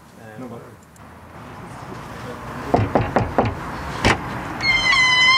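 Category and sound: household object, front door being opened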